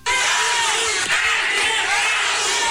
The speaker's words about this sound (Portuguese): o público presente começou a gritar o nome